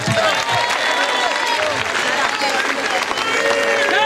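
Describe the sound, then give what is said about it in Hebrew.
Steady, dense applause from an audience for Tom fills the whole clip, a loud wash of clapping mixed with crowd voices and a few rising whoops or whistles, with no clear pause. “איזה מלך שאתה מודה ככה לכולם, ככה צריך, תנו לו כפיים לתום!”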